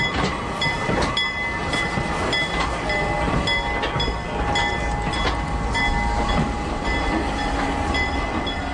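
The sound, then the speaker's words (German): A historic locomotive, the legendary engine put back on the rails for its 200th anniversary, rolls steadily along the rails with a continuous loud rumble, metallic ringing tones and scattered wheel clanks throughout. No one speaks. “Im vergangenen Jahr wurde die legendäre Lok zum 200-jährigen Jubiläum noch einmal auf die Schienen gesetzt, unter großem Jubel und mit viel Medienaufmerksamkeit.”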